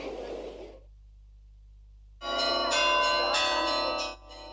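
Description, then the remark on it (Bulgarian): Church bells in Plovdiv, Bulgaria, ring out loudly in a dense, overlapping peal that lasts a couple of seconds, following a brief burst of noise and a short silence, on the morning of the Unification anniversary celebration. “години след онзи исторически 6 септември 1885 година Пловдив се събуди с звън на камбани.”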